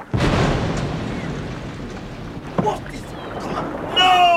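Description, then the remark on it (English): Oars dip and pull as men row a small boat on command, a few distinct strokes over a steady wash of water, with a voice briefly calling out at the end. “Out oars. And stroke.”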